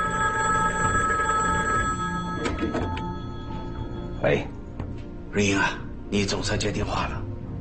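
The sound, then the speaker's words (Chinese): A telephone rings steadily with a sustained, tonal ring that carries through, followed by a few sharp clunks and rustles, like a handset being handled. “喂， 瑞英啊，你总算接电话了。”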